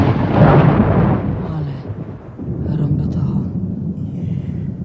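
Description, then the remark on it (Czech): A loud, deep rumble of thunder swells up at the start and then rolls on more softly, a heavy thunderstorm sound with lightning, almost dark outside, that fills the whole stretch with low, drawn-out grumbling. “No, není hromáš strejda. Ne, švager. A jak se přižene od baby, tak řádí.”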